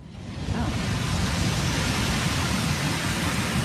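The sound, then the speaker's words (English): Distant ocean waves make a steady, dense roar that swells in during the first half second and then holds, a broad hiss over a deep rumble, with no voices. “Distant ocean waves.”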